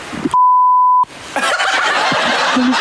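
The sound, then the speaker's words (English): A single loud, steady censor bleep tone lasting under a second cuts in abruptly, the rest of the audio muted beneath it, followed by a burst of busy, raucous noise, during the Power FM radio game What the Beep Did They Say. “won $300 this morning on What the Beep Did They Say”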